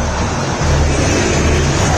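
football stadium crowd singing

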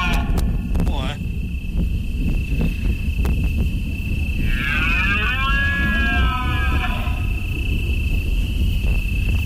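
deer bellowing

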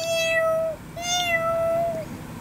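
cat meowing

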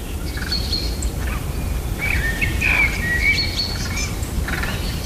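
birds singing at dawn

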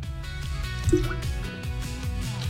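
water poured

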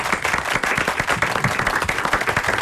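loud audience applause

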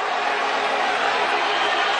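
stadium crowd making noise

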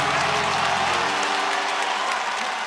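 crowd clapping hands

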